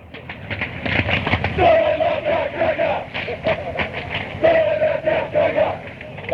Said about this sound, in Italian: Questi sono sempre i brasati, che fanno sti coretti.